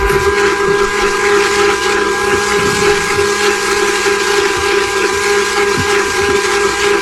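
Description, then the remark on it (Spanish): An electric blender runs steadily and loudly throughout, a continuous motor whine with a strong humming pitch that never lets up, with no speech over it. “Ya, aprende la licuadora, mi hijo.”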